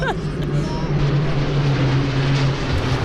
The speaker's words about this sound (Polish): A wtedy leciały nad nami dokładnie samoloty Bryza